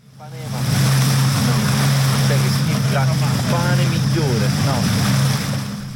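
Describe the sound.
Steady wash of surf fills a busy beach on the small Greek island of Atokos in the Ionian Sea in summer, where tourists swim. Scattered voices of people call and chat, with a low, constant engine drone underneath.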